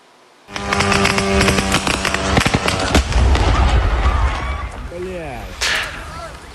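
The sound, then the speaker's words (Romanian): A sudden loud explosion as a drone hits a warehouse of a major Russian online retailer's center, hundreds of kilometres from the border, followed by a sustained roaring rumble full of sharp crackles and pops, with brief cries near the end as it fades. “Am văzut, iată, explozia unei drone care a lovit în plin unul dintre depozitele acestui centru, aflat la sute de kilometri de graniță.”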